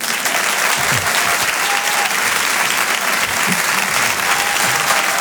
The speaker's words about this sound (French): On fait les applaudir très fort, Simon et Christopher.